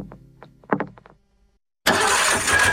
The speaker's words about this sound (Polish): Silnik mówi: coś mi nie pasuje. Nie zgaduj, sprawdź.